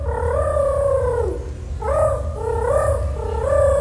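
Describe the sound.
A child's voice imitates a rooster crow as an entry in a rooster impersonation contest, though it comes out more like a pigeon's coo: two drawn-out, wavering mid-pitched phrases over a steady low rumble.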